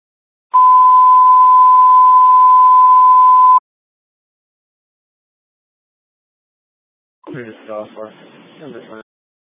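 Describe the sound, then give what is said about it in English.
A loud, steady fire alarm dispatch alert tone for on-duty EMS personnel holds one pitch for about three seconds and then cuts off, toned at 20:43 for a medical call. After a few seconds of silence, a voice begins speaking. “Time of tone is 2043.”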